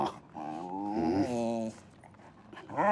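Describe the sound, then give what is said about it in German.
A detection dog growls in one sustained, rumbling vocalization lasting over a second, during a search in which it located pyrotechnics hidden at a desk, then falls quiet before another short growl begins at the very end. No one speaks. “Der Hund kam in der Grobsuche zu dem Schreibtisch, wo die Pyrotechnik versteckt ist, hat sicher angezeigt, passiv.”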